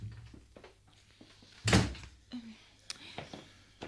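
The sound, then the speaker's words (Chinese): A door opens with a single solid clunk near the middle, followed by a few light clicks and rattles from the latch and handle, otherwise quiet. “我系阿姨啊，开门先啦、 啊。”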